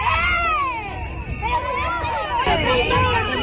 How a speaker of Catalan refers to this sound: Són els crits dels companys que estaven i que van veure aquesta agressió.